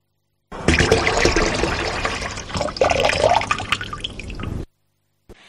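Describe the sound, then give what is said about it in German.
A tap runs steadily for about four seconds, a broad rushing splash of water that shifts slightly in pitch as it flows, then cuts off abruptly. No one speaks. “Zu hören gab es einen laufenden Wasserhahn.”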